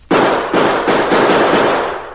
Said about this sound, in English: Yeah, that does it. With a few more bullet holes in the bottom of the barrel, we'll let the water run out faster. Now, as soon as the barrel is empty, we'll be able to raise that trap door.